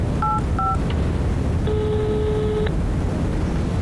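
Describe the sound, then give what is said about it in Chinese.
Two quick telephone keypad beeps sound in succession as a call to Boss Wang is dialed, followed by a longer, steady dial tone lasting about a second, all over a constant low rumbling background noise. “你现在就给王老板打电话，你问问他，这合同他如果能签，咱就跟着他干；如果他不签，咱现在就打电话报警”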